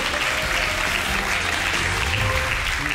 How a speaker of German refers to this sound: Ja, da brauchen wir ein aufmunterndes Klatschen, ein aufmunterndes Klatschen.